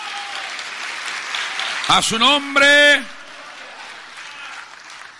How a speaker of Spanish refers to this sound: Fuerte ese aplauso, sea para el Señor.